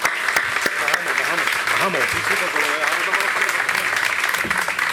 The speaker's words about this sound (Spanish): Muchas gracias. Un fuerte aplauso.